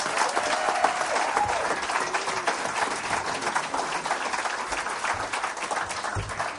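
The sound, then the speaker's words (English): A crowd applauds Nikki Giovanni steadily, a dense wash of clapping that stays loud and even for several seconds without letting up, with no voices over it. “Let's hear it one more time for Miss Nikki Giovanni.”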